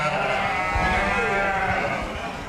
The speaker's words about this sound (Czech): Ovečky jsou krásné, pasou se tady a pomalu okusují kytičky.